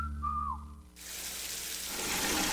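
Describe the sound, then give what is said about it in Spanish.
A brief whistle-like tone, then hot water gushes from a tap into a bucket, a loud, steady rush that grows slightly fuller over a couple of seconds. No one speaks. “Hoy sí puse una cubeta mientras salía el agua caliente para utilizarla después y me bañé en menos de 5 minutos.”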